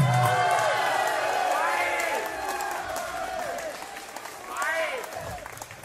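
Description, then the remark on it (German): A crowd applauds steadily at a live show, a dense wash of clapping with scattered cheers and voices rising above it, sustained for several seconds without a break, as the performer asks about an encore. “Applaus und wollte Hände.”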